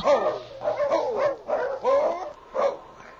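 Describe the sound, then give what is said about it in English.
A big fighting dog named a dog, held in a crate, barks in a series of about five whiny, yelping bursts at an uneven pace, fairly loud, with no talking. “his hiding place behind the crate that held the big dog”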